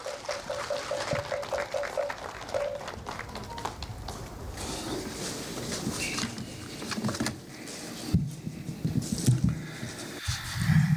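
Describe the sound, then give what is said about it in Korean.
An audience at the groundbreaking ceremony for the Seonhakwon elderly welfare facility applauds steadily for about eleven seconds, a dense crackle of many hands clapping at once that eases off briefly near the end before picking up again. “뜨거운 박수 보내주십시오.”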